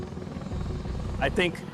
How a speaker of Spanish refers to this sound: Los B-22 Ospreys desplegados en Okinawa despegan como un helicóptero y vuelan como un avión. Son fundamentales para la logística del ejército estadounidense.